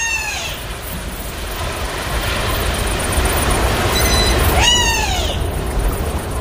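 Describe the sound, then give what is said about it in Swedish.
A wader calls: loud, clear whistles that slide downward in pitch, one at the start and another near the end, with a brief faint peep between them, over a steady rushing background. “Det är nog en vadare som ropar där.”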